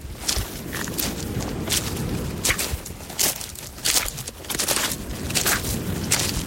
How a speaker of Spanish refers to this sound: Cada vez que el agua entra y sale de la orilla, los cantos rodados chocan entre sí, formando una melodía imposible de confundir. Es el sonido de una playa natural, de una playa que todavía conserva un ritmo distinto.